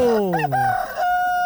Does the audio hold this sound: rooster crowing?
yes